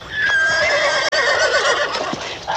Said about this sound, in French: Le cheval, oui, mon cheval. Regardez, il est là.